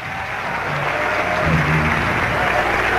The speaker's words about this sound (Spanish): ¡Hazle un aplauso fuerte a la gloria de Dios!